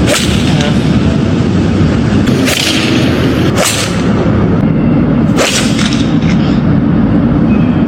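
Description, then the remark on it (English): Three sharp, whip-like cracks of golf balls being struck hard into traffic and at buildings in downtown Los Angeles, spaced a second or two apart, over a constant loud roar of traffic. “And that was the sound of them smacking balls.”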